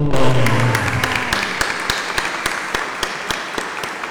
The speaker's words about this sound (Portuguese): Com as nossas palmas, saudemos os nossos pais.